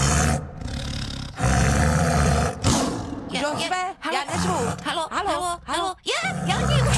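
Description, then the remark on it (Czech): A tiger roars loudly, a long rumbling growl followed by a series of shorter, rising and falling roars with brief pauses between them. “Totiž tady řval pan tygr.”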